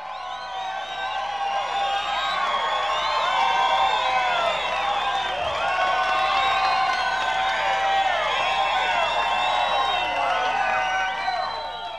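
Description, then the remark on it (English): A crowd at a show cheers and whoops steadily for about twelve seconds, giving a round of applause for the performer Chubby Wack, with many overlapping shouts and a wash of applause. It stays loud and even throughout, with no speaking voice over it. “We want another nice round of applause for Chubby Wack.”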